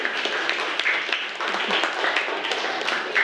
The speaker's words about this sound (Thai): เอาปรบมือให้กลุ่มนี้หน่อย